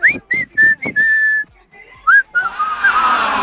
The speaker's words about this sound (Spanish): Traté, lo intenté, pero definitivamente lo de silbar ya vimos que no se me da.